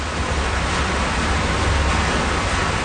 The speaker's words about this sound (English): That is the sound of the water from the artificial glaciers reaching this village in this huge underground reservoir. This is modern plumbing in the age of climate change.